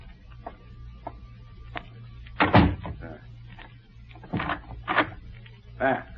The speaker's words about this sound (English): I will close the door.